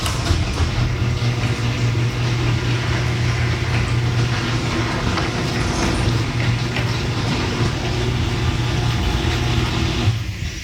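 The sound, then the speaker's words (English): A garage door running on 10 premium nylon rollers gives off a steady, even mechanical rumble with a low motor hum, holding at a constant level for about ten seconds with no talking. “Play the audio of what my garage door sounds like now with the 10 premium nylon rollers.”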